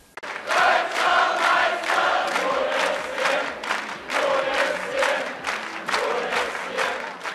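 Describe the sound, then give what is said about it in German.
A large crowd cheers and shouts continuously as it awaits the Monday-evening arrival of the SCM handball team, who have won the German championship again; voices swell in repeated rhythmic waves of chanting and yelling, loud and dense throughout with no single speaker standing out. “Zahlreiche Jubelrufe dieser Art waren es, mit denen der Ankunft der SCM-Handballer am Montagabend entgegengefiebert wurde.”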